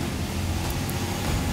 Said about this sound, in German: Lkw vorbei.